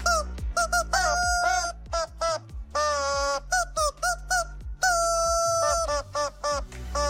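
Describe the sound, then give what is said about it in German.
A rubber chicken squeak toy, held in the hand, is squeezed in a rhythmic run of honking squeals, pitched up and down to play a recognizable pop hit melody over a steady backing beat, loud. “das verrückte Huhn quiekt heute Morgen … von …”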